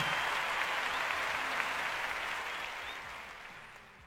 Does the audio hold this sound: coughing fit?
no